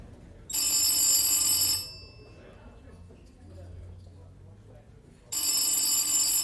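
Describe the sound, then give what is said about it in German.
An old-fashioned telephone bell rings in two long, shrill bursts separated by a pause of several seconds, loud, with a low murmur in the quiet gap: a call from Prague shortly after midnight, answered by the hotel porter. “Kurz nach 12 Uhr nachts nimmt Portier Senf ein Telefonat aus Prag entgegen.”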